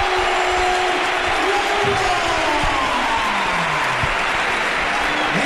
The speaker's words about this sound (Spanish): Vaya ovación que se lleva David la rubia al entrar en el campo. Es la primera vez que lo veo en el Málaga de estar de suplente, ¿eh?